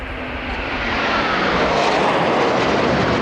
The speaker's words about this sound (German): Um genau 11.38 Uhr donnern zwei Eurofighter im Tiefflug über Schloss Schleißheim. Kampfjets vor weiß-blauem Himmel, das ist das Abschiedsgeschenk für Brigadegeneral Thomas Hambach.